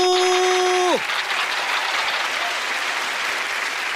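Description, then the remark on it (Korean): A sustained electronic tone slides sharply downward and cuts off, giving way to a steady, dense wash of audience applause welcoming a recorder player on a music programme, continuing at an even, fairly loud level. “자 여러분 박수.”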